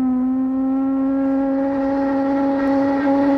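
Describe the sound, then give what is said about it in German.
A ship's horn gives one long, steady blast: a loud, low, buzzing tone rich in overtones that holds an even pitch for several seconds without a break. “Ja, könnte ein Wasserkocher sein, könnte auch so eine Dampflok sein, könnte aber auch eine, ja, Chipshupe sein. Chipshupe, das ist das Stichwort, denn ich nehme Sie mal mit aufs Schiff”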